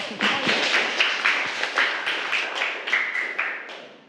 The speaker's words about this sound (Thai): ใส่ซ่อนได้เก่งมากนะคะปรบมือให้เพื่อนค่ะลูก